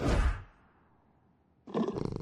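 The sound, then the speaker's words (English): A loud tiger roar bursts out and rumbles away into a fading growl, then a second roar erupts near the end. No one speaks. “this tiger?”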